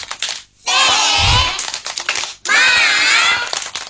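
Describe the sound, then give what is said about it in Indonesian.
A group does a 'tepuk semangat' (spirit clap) together in a fast rhythmic pattern, two loud dense bursts split by a short pause, with voices shouting along over the clapping. “Tepuk semangat.”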